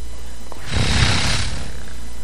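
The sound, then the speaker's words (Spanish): During an animal-sounds guessing game, a person growls out a single rough, breathy roar in imitation of a tiger, lasting under a second, fairly loud against a steady low background hum. “Un tigre.”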